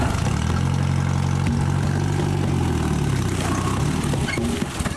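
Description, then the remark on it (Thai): A jeep engine, brought to haul areca nuts at a plantation, idles steadily with a low, throbbing rumble and a constant drone that holds for the whole stretch, easing slightly toward the end. “วันนี้มาขึ้นหมากแล้วก็เอารถจิ๊บมานี่ขนหมาก”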